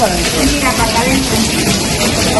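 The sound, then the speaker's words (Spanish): Loud, steady rush of rainwater pouring and flooding into part of the Maternal and Children's Hospital in Badajoz, including delivery rooms and the emergency department, after heavy rains. A continuous gushing wash with faint, indistinct voices murmuring beneath it. “Y no es que haya llovido en la calle, es que como consecuencia de las lluvias se ha inundado parte del Hospital Materno Infantil de Badajoz, parte de los paritorios y de las urgencias.”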